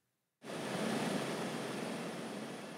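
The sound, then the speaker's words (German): After a brief moment of silence, a loud helicopter engine roar cuts in abruptly and holds as a steady, dense drone, continuous, with no voices. The helicopter is on a 15-minute flight over the open sea to reach remote lighthouses on the Norwegian coast. “15 Minuten Flug über das offene Meer. Der Hubschrauber ist wichtig, um abgelegene Leuchttürme zu erreichen, die bis heute für die Schifffahrt wichtig sind.”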